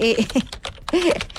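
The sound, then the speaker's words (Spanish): Quick bursts of computer keyboard typing as someone checks the weather, a handful of sharp clacking keystrokes, interleaved with brief moments of a voice. “así suena mi teclado.”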